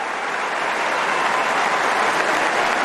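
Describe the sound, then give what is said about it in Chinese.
Sustained applause from a large tennis crowd for 39-year-old Djokovic, a dense, steady patter of many hands clapping at an even loudness throughout, with no voices standing out. “把掌声送给德约科维奇吧，39岁的老将，不仅对抗着比他小一辈的年轻人，更与时间做着赛跑。”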